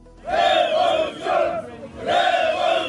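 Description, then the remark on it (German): A crowd of protesters at a demonstration in Tirana, the Albanian capital, chants loudly in unison, three sustained shouted phrases rising and falling with short dips between them, a dense mass of voices with no single speaker standing out. “Seit rund 40 Tagen wird in der albanischen Hauptstadt Tirana demonstriert.”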